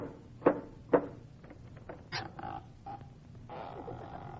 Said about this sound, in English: Did you ring? No, I knocked. I thought I heard you whistle.